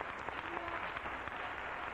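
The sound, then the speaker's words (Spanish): An audience applauds the Lord together, a dense, steady wash of many hands clapping at once with no gaps, holding an even level throughout. “Dale un aplauso al Señor. Dáselo con todo el corazón.”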